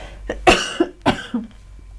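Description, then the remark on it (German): A person coughs, two strong harsh bursts about half a second apart, with a few softer throaty catches around them and no talking. “Aber ich muss gleich husten.”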